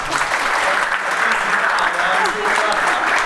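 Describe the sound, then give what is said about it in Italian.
A crowd applauds the dance group Smallerine, clapping steadily in a dense, continuous wash of applause, loud and sustained throughout, with a few faint voices mixed beneath the clapping. “Beh, un applauso!”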